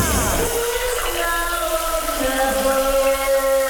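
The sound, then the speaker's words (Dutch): Shower water runs in a steady, continuous hiss for the whole clip, with faint sustained musical tones blended underneath the spray. “De douche is weer aan en dan spelen we shower power voor.”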